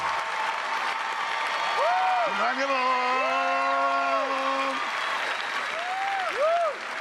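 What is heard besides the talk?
audience applause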